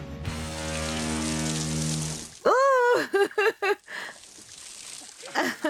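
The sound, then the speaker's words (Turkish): A small waterfall at Stony Kill Falls, in a rocky natural amphitheater of layered clay rock, gives a steady, broad rush of flowing water for about two seconds, then a person's voice takes over, talking in short bursts with the water faint underneath. “Bu küçük şelale 27 metre yükseklikteki gizli havuz hakkında ipucu veriyor.”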